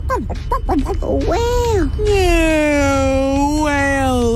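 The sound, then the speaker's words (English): A voice mimics a whale call with a long, sustained moaning tone that glides and wavers, following a few short rising and falling vocal sweeps, loud and alone. “Whale. Yeah, whale sound.”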